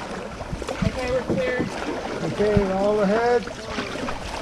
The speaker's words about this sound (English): they adjust the boat's position and start paddling toward a nearby beach.